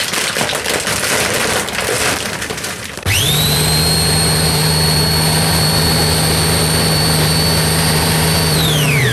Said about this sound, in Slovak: Mäsko je naložené v jogurte a ja si idem pripraviť to, v čom ho budem obaľovať, kým pôjde do rúry. A nepoznám naozaj jednoduchší spôsob, pretože len v mixéri rozdrvím slané krekry.